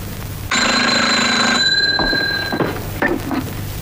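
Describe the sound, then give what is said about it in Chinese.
A telephone bell rings loudly in one sustained burst of about a second, its tone lingering briefly before giving way to soft handling noises, as if the receiver is being picked up; it is the secretary-general's telephone at the Southwest Commander's Office. “喂，是啊， 西南长官公署秘书长电话。”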